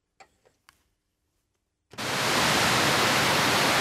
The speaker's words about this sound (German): Dort, wo bis zum 11. September die beiden Zwillingstürme standen, befinden sich heute zwei riesige Wasserbecken. An allen vier Seiten stürzt das Wasser in die Tiefe, ununterbrochen, Tag und Nacht.